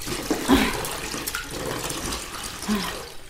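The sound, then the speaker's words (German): Hot water is poured into a bath for a second bath in a steady, splashing rush, with a brief louder surge near the start. The pour sounds fairly loud, with no voices. “hier ist heißes Wasser für das zweite Bad.”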